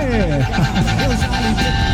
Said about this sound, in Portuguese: Buzina aí, mano. Sentido Cajati. Bom dia pra todo mundo aí. Bora de buzinaço.